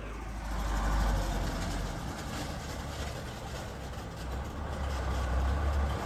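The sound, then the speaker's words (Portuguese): A heavy truck loaded with construction materials, sand and cement, rolls slowly past, its deep engine rumble steady and loud, with a dull rattling jolt as it drops into a pothole. No one speaks. “Esse barulho todo, é realmente o veículo passando aqui no buraco, e é um veículo pesado, é um veículo que está carregando agora materiais de construção, areia e cimento, e passa aqui,”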